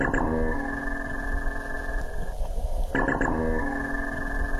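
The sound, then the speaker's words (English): A minke whale vocalization from minke whales sighted in the Gold Coast Seaway, Broadwater: a loud, buzzy, metallic droning tone with rapid pulsing onsets, swelling twice in a row, heard alone without any talking. “So that's what a minke sounds like.”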